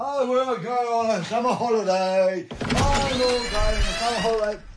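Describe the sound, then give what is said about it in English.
A long, wavering creak like a door swinging open to the outside, then a sudden rush of loud outdoor noise from Berlin with busy, bustling ambience filling the space. “So, gonna open the door to the outside world then, because I'm gonna go on a summer holiday.”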